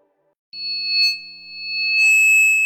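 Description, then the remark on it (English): After a brief silence, a steady, piercing high-pitched ringing tone imitating tinnitus, or ringing in the ears, begins, two pure pitches held together with a faint low hum beneath, swelling slightly louder as it continues unbroken to the end. “Did you know that ringing in the ears or tinnitus is a symptom of hearing loss?”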